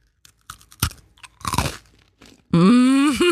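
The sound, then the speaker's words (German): Crisp crunching as someone bites into a crunchy Spekulatius spiced cookie and chews in a few sharp bursts, followed by a sustained, satisfied hum from the eater. “Es ist ein Spekulatius-Keks.”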